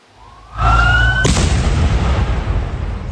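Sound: bomb explosion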